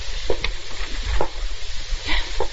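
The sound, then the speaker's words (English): A key works in the door lock of a rented room: a handful of light metallic clicks and rattles at an uneven pace, set against a constant crackling hiss, with no one speaking. “Someone's unlocking the door.”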